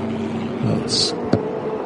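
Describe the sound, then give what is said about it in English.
The number 44 ARC Bratislava Lamborghini GT4 race car's engine hums steadily, then a brief hissing burst gives way to a sharp clunk as it shudders into gear, and the engine rumble continues as the car pulls away. “Seeing it shudder as it jumps into gear and away it goes.”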